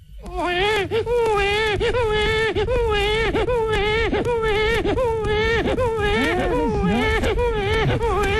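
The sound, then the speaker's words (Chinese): A man's voice imitates the crying of a baby under one year old, a loud, continuous wail broken into rapid rhythmic sobbing bursts that rise and fall, over about eight seconds. “哎，刚才在剧场的门前呢 啊， 我看见一位老大嫂， 嗯， 抱着个不满周岁的婴儿、嗯，这小孩哭，你也能学吗？”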